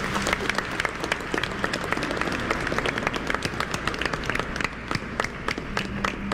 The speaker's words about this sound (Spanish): Que el Señor le bendiga, le damos un aplauso.